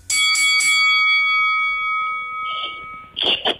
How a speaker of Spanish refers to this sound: Yo no les vuelvo a dar paso, la campana suena, cuando suena la campana saben que es el turno de cada uno.